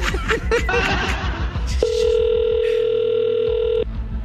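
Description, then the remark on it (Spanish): A steady electronic telephone ringing tone sounds for about two seconds while a call is placed to a councilwoman. It is a flat sustained pitch with harmonics, following a burst of laughter and chatter. “Creo que está timbrando.”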